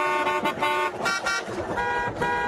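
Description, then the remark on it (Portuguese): Traffic honking as cars race past outside a school, with several car horns blaring in overlapping, insistent bursts over the steady rumble of passing vehicles. Loud, with no voices. “A garotinha Suzana, sozinha, de dentro da escola, olhava assustada os carros correndo lá fora.”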